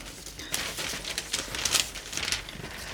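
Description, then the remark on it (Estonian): Paper rustling and crinkling, a steady stream of dry crackly handling with several sharper crinkles, heard on its own with no voices. “teete kaminasse tuld, siis läheb võibolla vaja. Kindlasti läheb. Niukseid pabereid.”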